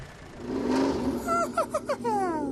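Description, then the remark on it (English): A tractor engine runs, rumbling steadily and then revving in a few quick, sputtering bursts before settling into a rising, whirring drone. “Or Elmo could drive a tractor.”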